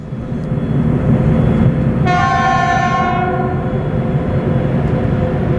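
A train rumbles steadily along the rails, loud, with a long horn blast sounding partway through over the continuous low roar of the wheels.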